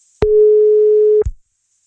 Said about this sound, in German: Naja, jetzt klingelt es auch nicht mehr. Ich glaube, es gibt Telefonschwierigkeiten bei ihr.